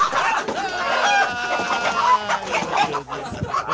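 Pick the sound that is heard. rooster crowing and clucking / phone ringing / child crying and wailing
rooster crowing and clucking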